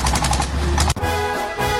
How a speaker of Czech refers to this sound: Motorovka.